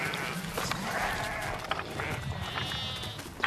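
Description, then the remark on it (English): Several sheep bleat in overlapping, wavering cries in the middle of the night while being sorted, set against a steady low rumble of outdoor background noise. “Oh, fucking hate sheep. I fucking hate them.”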